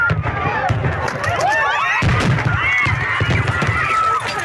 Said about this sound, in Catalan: El castell de focs artificials es disparava des del mar, però una carcassa pirotècnica es va desviar i va anar a parar el públic que es concentrava dissabte a la nit a la platja.